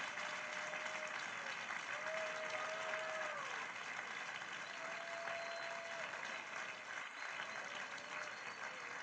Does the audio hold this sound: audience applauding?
yes